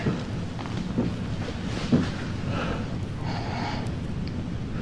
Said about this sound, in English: And for listeners, you're going to hear a sound of like banging, and it's Ryan's character, Dean, banging against a wall.